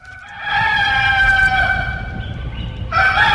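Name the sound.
rooster crowing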